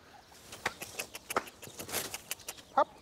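Young turkeys peep a few times in a fresh patch of outdoor run in a farm's front garden, with scattered soft scratching and pecking noises around them and a short, clear chirp near the end. The sounds are fairly quiet and nobody speaks.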